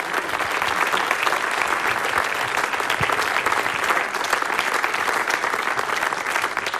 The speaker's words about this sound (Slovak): Toto je potlesk pre vás.